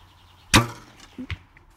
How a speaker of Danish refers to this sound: Så vil du ikke lige prøve at skyde en pil afsted mod målet, der står dernede? Jo, lad os se, om vi kan ramme.